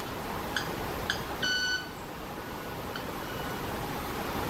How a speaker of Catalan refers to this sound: Quasi, no, és l'ocellet que va fent les seves... Sembla un timbre d'alguna cosa d'aquestes... Sí. Sí, mira com van fent. Dels semàfors o una cosa així.